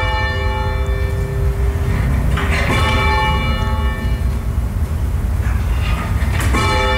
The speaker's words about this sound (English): At university, my sister met somebody who was a bell ringer and she started bell ringing. Somehow or other, one practice night, I ended up there, and that's when I first had my hand on a rope.